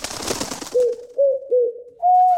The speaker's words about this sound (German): Und jetzt kommen sie wieder, die Ticket-Täubchen, die so klingen.